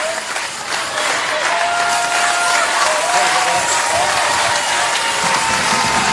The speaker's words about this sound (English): Give a warm applause to all the boogie woogie dancers in main class.